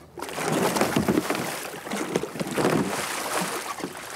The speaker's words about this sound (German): Eines der wichtigsten Rettungstools in der Kajakszene ist die Kajakrolle oder Eskimo-Rolle. Das heißt, wenn man umkippt, eine Welle kommt, die stößt dann einfach weg, dass man dann sicher wieder hochkommt. Ungefähr so.